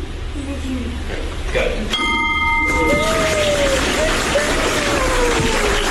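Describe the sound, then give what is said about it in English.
A single bright bell strike, rung with the help of three invited people to close the day's session, rings out with a clear, metallic tone that fades within about a second, heard over steady background noise and murmuring voices. “So that really concludes most of our business items for the day, but I really cannot close out and hold this gavel and ring this bell without inviting those three special individuals to help me ring out the bell today.”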